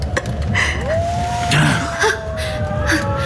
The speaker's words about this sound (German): Ein Wolf? Merkwürdig. So nah beim Haus. Hört sich nach einem gewaltigen Tier an.